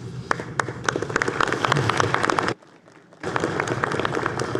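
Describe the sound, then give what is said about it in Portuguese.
A crowd applauds Brazil's administrators on Administrator's Day with dense, steady clapping that drops off abruptly for a brief moment, then resumes just as full. No one speaks. “E hoje é o nosso dia de aplaudir de volta.”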